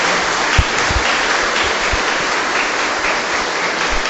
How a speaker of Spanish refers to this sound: Démosle un fuerte aplauso a la Santísima Virgen del Carmen.